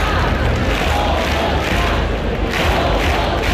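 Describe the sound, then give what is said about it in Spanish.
A crowd of about 2,500 protesters in the town hall square of Oviedo chants the slogan "Somos Más" in unison, demanding the mayor's resignation, a loud, sustained roar of many voices with rhythmic swells and no pauses. “El grito de Somos Más, unas 2.500 personas, según la policía, han abarrotado la plaza del Ayuntamiento obetense para exigir la dimisión del alcalde”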